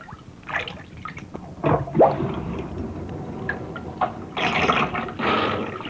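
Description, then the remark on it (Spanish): A drink is poured from a pot into an empty can, splashing and gurgling in uneven surges, with a few louder gushes and brief pauses and no voices. “Ponga la lata, que yo voy a embrocar la olla, oye.”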